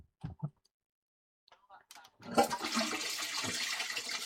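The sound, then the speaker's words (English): A few clicks and a handle clunk, then a toilet flushes with a loud, broad rush of water that keeps churning steadily to the end. “Can I flush the toilet on her? Will that sound dreadful, or will it sound funny enough?”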